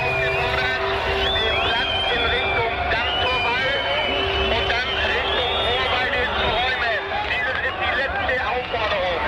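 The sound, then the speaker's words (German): A huge concert audience of frenzied fans screaming nonstop, louder than the music, countless shrill, high-pitched voices overlapping in a loud, steady roar over a low rumble, with no break for the full stretch. “Das Publikum ist lauter als die Musik.”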